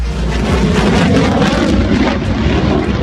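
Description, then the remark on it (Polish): A loud, steady roar of Polish F-35 fighter jets passing overhead during a ceremonial flyover in Poland, a dense rushing engine noise that holds at full strength for the few seconds heard, with no voices. “Trzy pierwsze F-35 przyleciały do Łasku pod koniec maja, a dziś wykonują uroczysty przelot nad najważniejszymi miejscami w kraju.”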